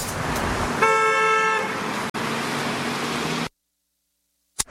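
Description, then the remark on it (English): Steady traffic noise with one long, loud car horn blast lasting over a second before the road roar continues and then cuts off abruptly. “Traffic, potholes, wardens, buses.”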